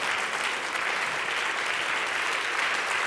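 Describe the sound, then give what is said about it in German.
Sustained audience applause in the large broadcast hall (Großer Sendesaal) on the Halberg at the live radio show HFM Goes Radio on SR Kultur, after the Brass Ensemble of the Hochschule für Musik Saar. A dense, even wash of many hands clapping at steady loudness throughout, with no voices rising above it. “Das ist euer Applaus.”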